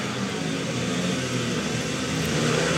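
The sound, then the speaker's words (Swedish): Several speedway motorcycle engines rev together as riders line up at the tape for the start of a heat in a Swedish league speedway match, a dense, loud, buzzing roar that holds steady and swells slightly toward the end, with no voices over it. “Så gasar vi upp.”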